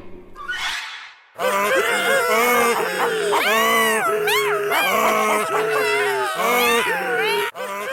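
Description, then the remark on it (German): After a short hiss, four animals stacked on one another in a tower, a donkey, dog, cat and rooster, start singing at the donkey's signal: a loud, chaotic chorus of cries erupts together, wavering howls and yowls overlapping and rising and falling in pitch for several seconds. “Dann, zum Signal des Esels, begannen sie alle zu singen.”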